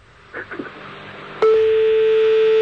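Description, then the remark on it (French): A telephone ringing tone comes on abruptly over the line after a few brief muffled sounds, holding one steady, fairly loud pitch without a break until the end. “Vous entendez sonner?”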